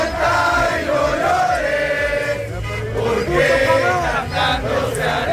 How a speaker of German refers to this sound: Ja, also freundliches Singen, aber auch Hupen. Feuerwerk. Oh Gott. Sie haben auch skandiert, Ecuador wird nicht schlafen.